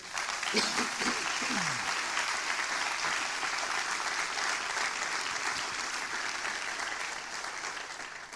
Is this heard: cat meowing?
no